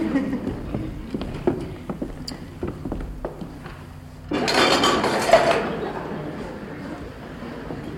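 Dishes clink and tap irregularly as they are carried to the kitchen, a series of light knocks, followed by a louder, denser clatter for a couple of seconds before it settles.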